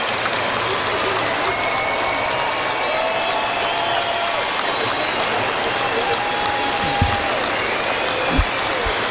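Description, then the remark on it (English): A standing stadium crowd applauds for a minute in respect for those no longer with us, a dense, even wash of clapping that holds at a constant level throughout, with a couple of brief low thumps near the end. “So applause ring out around the ground for those no longer with us, in a mark of respect.”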